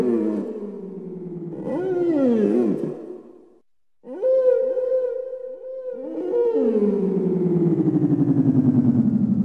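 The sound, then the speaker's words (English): Long, moaning southern right whale calls rise and fall in pitch, some swooping and others held steady, with a brief silent gap near the middle, loud and clear with no talking. “You might even, if the night is quiet and still, hear them talking to each other with whale song.”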